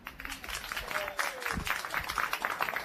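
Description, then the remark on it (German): Applause from an audience at a live broadcast in Fürstenfeld, welcoming a very young musician, a dense, steady patter of many hands clapping for a few seconds, fairly loud throughout with no voices. “Und ich hoffe jetzt auf einen tosenden Applaus, denn ich habe einen ganz jungen Musiker bei mir.”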